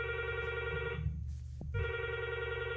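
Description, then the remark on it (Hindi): A telephone rings as the first listener calls in to the radio programme Phone Karen Geet Sune, in two bursts separated by a short pause, the electronic trill loud, with no voices present. “आपके फोन्स का हमें है इंतजार। आइए मिलते हैं हमारे पहले श्रोता से।”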